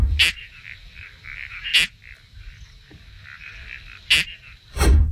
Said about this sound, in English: Like you're kind of getting zapped or something, doesn't it? Yeah, it sort of sounds like you're stepping on it. The noise when my cats makes if you step on them. How do you feel about that one? Okay. It's a toadlet species.